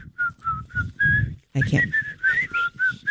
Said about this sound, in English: Mm-hmm. We whistle while we work. We do. Yeah.